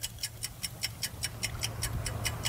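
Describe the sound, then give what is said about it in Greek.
An old clock from 1936, held in a man's hand and still working, ticks steadily and crisply, about five ticks per second in an even rhythm, over a faint low hum with no voices. “Κρατάει, όπως βλέπετε εδώ, ένα ρολόι. Λειτουργεί ακόμα το ρολόι.”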